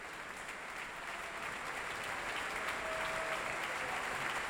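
Sustained applause from a concert audience for the conductor on stage at the Wiener Musikverein, before the intermission of a matinee; a dense, steady wash of many hands clapping at even loudness throughout, with no voices rising above it.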